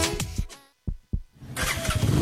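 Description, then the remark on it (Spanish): A motorcycle engine cranks with a couple of sharp bursts, then catches and settles into a loud, rough, throbbing idle, with no voices. “Ella puede estrenar la moto de sus sueños. Scooter AD125, la elegante Furman 125 Full Injection, las inigualables Viva FI ABS y AX4 ABS, la deportiva Gixxer 150”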